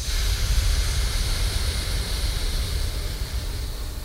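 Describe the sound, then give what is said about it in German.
A steady, breathy rushing fills the whole stretch as a group of people exhale together during a breathing exercise, a soft continuous hiss resembling surf with no talking over it. “Also, wir sind wie das Rauschen des Meeres. Ja, ausatmen.”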